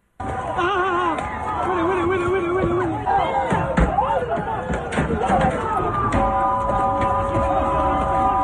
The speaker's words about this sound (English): Here's a bunch of people trying to take over shops and the rest. Cut 15, if you don't mind. Let's see what this sounds like. It's a bunch of people running around like crazy, in and out of stores, and cops chasing them all over the place.